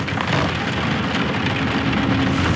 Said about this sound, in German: Hilflos an einem Fenster stehend und unverwandt in den Regen hinausstarrend